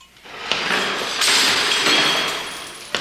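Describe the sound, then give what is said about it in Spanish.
Coins scatter and clink as Jesus throws all the money about in the temple: a bright, metallic jingle with a sharp onset followed by about two seconds of dense, overlapping tinkling that swells and fades, ending in a final small clink. “¡Desparramó todo el dinero!”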